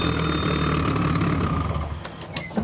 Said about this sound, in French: Ah bon, on s'entend mieux quand ça tourne plus le moteur là, dis donc. Ah, effectivement, les échappements sur le capot, ça fait un peu de bruit. Ah, ça fait, ouais, ça fait un peu de son, c'est pas mal.